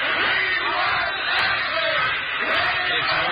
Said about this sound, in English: Look, here comes Matt and his father out on the veranda. Let's give Mr. Ashley a cheer. Yay, Ashley!